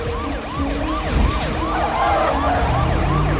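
A siren wails in rapid repeating rising-and-falling sweeps over a steady low engine roar, loud, as Sabian drives at full speed with the siren on, at the command post.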